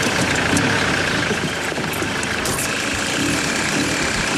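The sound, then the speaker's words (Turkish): An engine runs steadily at idle just after being started, a continuous loud rumble with a rough, slightly knocking texture and no pauses, with no one talking over it. “Çalıştı. Hadi oğlum. Aha işledi şimdi.”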